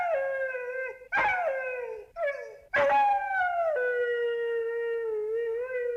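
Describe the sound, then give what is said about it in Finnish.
A dog howls in long, sustained, wavering tones, pausing briefly between drawn-out notes that rise and fall almost like singing, fairly loud with no talking. “ja se kertoo koirasta, joka halusi laulaa. Koira, ole hyvä.”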